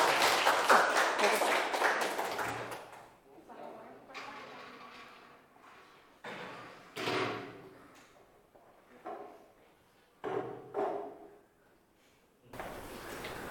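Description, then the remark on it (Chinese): A burst of audience applause for a student chef group about to give their presentation, many hands clapping loudly and densely for a few seconds before fading out, followed by quieter background noises and scattered bumps and shuffling. “好，来请我们这个厨师小组来带来他们的展示，大家掌声送给他们。”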